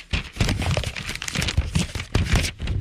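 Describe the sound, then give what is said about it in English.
Papers shuffling, a steady run of crisp rustles and crinkles with a few sharper flicks, continuing for a few seconds with no voices. “So many papers shuffling.”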